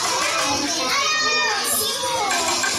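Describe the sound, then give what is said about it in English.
A lively babble of many Indonesian kindergartners chattering at once during a free school lunch of fried chicken, rice, tempeh, mixed vegetables and watermelon; high-pitched voices overlap continuously at a steady, fairly loud level with no single voice standing out. “This includes the lunch served with this group of kindergartners you're listening to now.”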